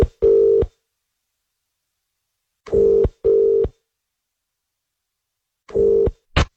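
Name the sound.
telephone dialing and ringing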